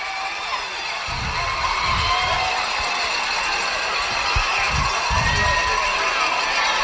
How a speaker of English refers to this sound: Here come the Luverne Tigers. They're making their way out of the locker room, as you can hear the Luverne Tiger faithful cheering.